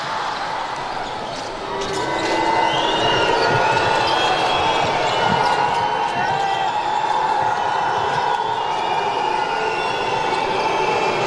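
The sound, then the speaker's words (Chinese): Home fans boo the visiting team during a match involving the Turkish team, unhappy with recent referee calls, in a loud, steady roar that swells after the first couple of seconds and holds for the whole stretch, with occasional thumps of a bouncing ball underneath. “主场球迷给客队的嘘声，刚才这段时间的一些吹罚呢，让现场的球迷也不太满意。”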